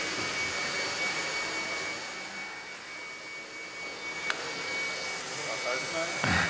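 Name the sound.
motor running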